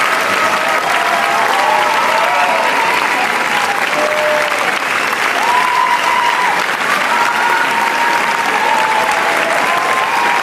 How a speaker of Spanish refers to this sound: Sí, hay una qué ovación guay. De 20 minutos, evidentemente la gente da la vuelta aplaudiéndoles.